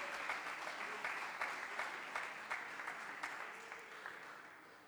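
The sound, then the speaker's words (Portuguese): An audience applauds steadily, a dense wash of many hands clapping at full strength with a few sharper individual claps popping out, then tapering slightly toward the end. “Podem se assentar e dar aquela salva de palmas para glorificar e bendizer o nome do Senhor.”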